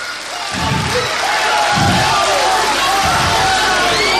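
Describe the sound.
A loud, steady wash of crowd applause and cheering, with shouting voices throughout and three deep, dull thumps landing about a second and a half apart.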